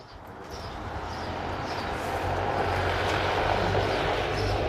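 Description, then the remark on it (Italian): A steady, broad whooshing drone of an automated passenger drone flying overhead, a quiet vehicle able to carry 200 kg or two passengers, with a low hum and faint rotor tones, holding at a moderate, even level throughout without voices, recorded at Ambrì airport. “Notate la qualità del suono, il silenzio di questo veicolo che, ripeto, può portare 200 kg o 2 passeggeri sospesi nell'aria.”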